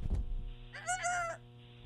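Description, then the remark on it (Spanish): A lone rooster lets out one drawn-out, nasal cluck-like call lasting about half a second, clear, over a steady low background hum with no talking. “Estos gallos.”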